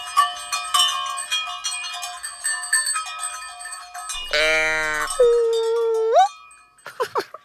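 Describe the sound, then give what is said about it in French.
Many cowbells worn by a herd of cows, one bell per cow with the lead cow wearing the biggest, clang and jingle together in a dense, overlapping metallic jangle for several seconds, then a long, drawn-out moo-like bellow follows, ending with a few scattered knocks. “Quand toutes les cloches sonnent ensemble, cela fait un orchestre de cloches.”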